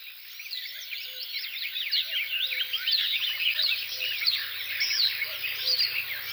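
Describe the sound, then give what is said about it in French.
A dense, continuous dawn chorus of marsh warblers chattering and trilling, with a common cuckoo's soft two-note calls repeating faintly beneath, steady throughout, no voices present. “Coucou et Rousserolles Verderolles.”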